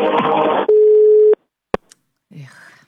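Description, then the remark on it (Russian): A telephone busy signal sounds as a single loud, steady electronic beep lasting under a second, preceded by a burst of noisy sound and followed by a sharp click and a brief voice, as the Avtoradio station calls a contest listener whose phone is busy. “Абонент сейчас не может ответить на ваш звонок. Его телефон занят.”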